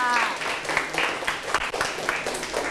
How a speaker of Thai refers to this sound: ได้ใช่ไหมคะปรบมือให้ค่ะ